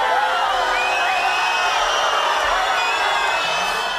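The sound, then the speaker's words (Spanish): A large crowd outside booing and shouting as a woman arrives at an official event, a loud, continuous wall of overlapping voices with scattered whistles and cries rising above the din throughout, while a loudspeaker asks for cooperation. “fue recibida con abucheos y gritos de fuera, mientras por megafonía se rogaba colaboración para que pudiera desarrollarse con normalidad el acto.”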